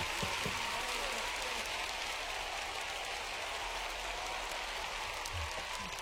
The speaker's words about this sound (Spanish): Un aplauso.